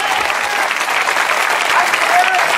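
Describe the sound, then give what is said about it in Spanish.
An audience applauds loudly and steadily for God, dense overlapping claps sustained without pause throughout, with faint crowd murmur mixed in. “Dale fuerte ese aplauso si es a Dios.”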